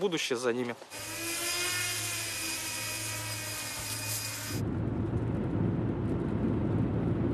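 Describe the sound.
After a brief voice, a work drone's steady, high-pitched motor whine holds loud for a few seconds as a person tries its controls, then drops away to a low, rumbling wind-like noise.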